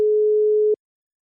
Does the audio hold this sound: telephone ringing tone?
yes